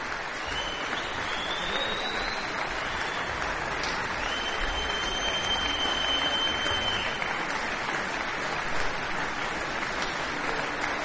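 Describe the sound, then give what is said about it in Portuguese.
Sustained, steady applause from a concert audience at the Teatro Cultura Artística for the Prague Chamber Soloists under Radek Baborák, recorded 11 May 2026 as the musicians return to the stage for an encore; a dense wash of clapping that holds at an even loudness throughout without fading, with no voices rising above it. “Muito aplaudidos, os músicos voltam ao palco para o bis.”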